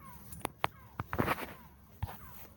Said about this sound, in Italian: Senti il Gabbiani, dai, andiamo.